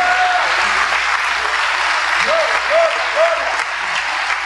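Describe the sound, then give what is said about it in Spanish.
Sustained applause from a crowd given to the Lord God Almighty at night, a dense steady clatter of many hands clapping throughout, with a few brief high whistle-like tones rising over the noise partway through. “Oh, denle un aplauso al Señor Dios Todopoderoso en esta noche.”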